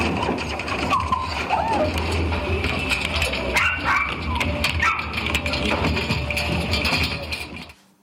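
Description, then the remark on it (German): Puppies kept in boxes at a sales venue whimper and yip as visitors handle them, amid the steady clatter and murmur of the crowd, their small cries rising briefly over the constant noise before everything cuts off abruptly. “Doch hier können Besucher jeden Welpen anfassen.”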